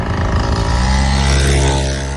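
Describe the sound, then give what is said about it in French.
A Mobylette moped engine runs steadily and loudly for the whole stretch, a buzzy, droning motor note with rich harmonics and no voices. “Mobilette. Ouais, j'allais dire moteur quand même.”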